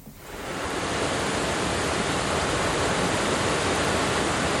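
rushing river water

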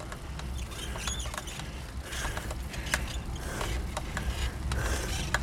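bicycle squeaking

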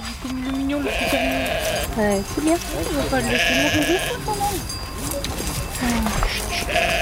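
goats and sheep bleating

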